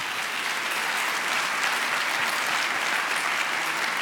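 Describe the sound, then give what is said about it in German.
Sustained applause from an audience, a dense, steady wash of clapping that stays loud and even for the full four seconds with no voices rising above it. “Da gibt's schon mal viel Applaus.”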